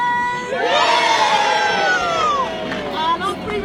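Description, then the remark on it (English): A large group of schoolchildren gathered on both sides of the River Trent cheers and shouts together at the official opening of the new Waterside Bridge, in one sustained, loud burst, high voices overlapping into a continuous roar that swells, dips slightly, and rises again. “On three, they're about to do a massive cheer.”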